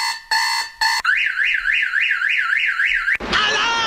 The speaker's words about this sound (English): Alarm!